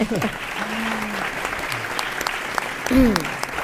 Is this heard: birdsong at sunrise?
no